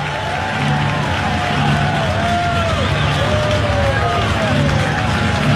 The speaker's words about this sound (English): Crowd getting into it here at Great American Ballpark. Sounds like about 23,600 here at the ballpark.